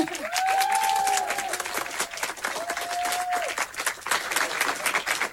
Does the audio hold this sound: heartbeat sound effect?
no